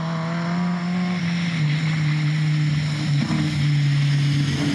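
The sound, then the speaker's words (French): The engine of a 212-horsepower Citroën DS competition rally car whines steadily while driving on a badly rutted dirt track, its pitch holding high with a slight dip and rise, loud and continuous with no talking over it. “Oh là là, le moteur il miaule.”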